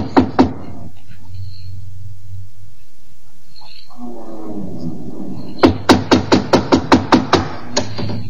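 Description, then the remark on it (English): Two quick knocks on the door of a ship captain's cabin, a pause with a low voice speaking, then a loud, rapid run of about eight evenly spaced knocks. “Here, door. We knock?”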